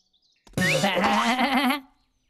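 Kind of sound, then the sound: animal, goat bleating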